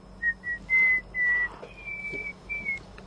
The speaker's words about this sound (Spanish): Sí, está cantando. Está Cantando con el silbido.